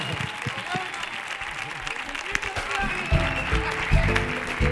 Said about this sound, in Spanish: ¡Ovación, que suene fuerte la ovación!